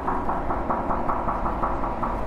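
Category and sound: impact, knocking on a sculpture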